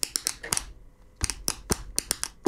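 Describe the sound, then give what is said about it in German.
A pen taps sharply on a tabletop in a quick, rhythmic pattern, a burst of clicks, a brief pause, then another run of crisp knocks, fairly loud with no voices. “Beim nächsten Song könnte ich mir vorstellen, der Komponist, der hatte einfach nur auch einen Tisch und einen Stift und hat”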